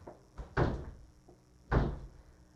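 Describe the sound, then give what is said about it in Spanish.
A stiff door being forced closed, with a light knock followed by two heavy thuds about a second apart as it jams and finally shuts. No voices. “ya esta puerta está más dura que la de la presidencial. De repente vamos a tener que engrasar las bisagras.”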